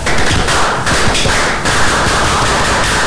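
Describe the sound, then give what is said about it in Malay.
A crowd of Indonesian Pramuka scouts from Malino Regency performs the Pramuka clap together in a loud, dense, rapid pattern of sharp smacks, keeping up a steady driving rhythm for the whole stretch with no voices on top. “Kalau Pramuka berarti identik dengan tepuk Pramuka.”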